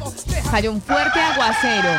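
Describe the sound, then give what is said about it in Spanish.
A wet rooster crows at dawn, loud, one long, strained, wavering call that holds to the end after a brief rougher burst at the start. “amaneció ese el gallo, ¿ya?”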